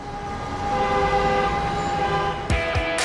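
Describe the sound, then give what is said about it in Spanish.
Steady, dense city street noise in Bogotá with a sustained horn blaring throughout, then two sharp bursts near the end, like vehicles passing by. No voices. “Exceso de bocinazos, acelerones innecesarios y obras sin control contribuyen a la contaminación auditiva.”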